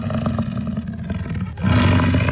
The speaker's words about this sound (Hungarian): Igen, ez egy bölény volt, méghozzá az amerikai bölény, amely egykor Mexikó északi részének jellegzetes állata volt.